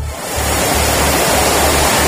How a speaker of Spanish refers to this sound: Sí, la situación es especialmente complicada en el área de Barcelona, sobre todo en municipios como L'Hospitalet y Cornellà, donde la lluvia ya ha superado los 150 litros y hay calles y coches inundados. Este es el sonido a esta hora.